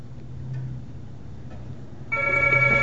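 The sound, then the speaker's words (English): A telephone starts ringing abruptly near the end, a loud, bright ring that cuts through a low background hum and continues to the end without any talking. “puts the cat on the sofa and answers the phone.”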